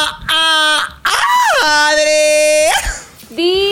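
A loud, excited scream rings out in three drawn-out, high-pitched bursts. The middle one is longest, with a swooping rise and fall in pitch, and there is no talking around it.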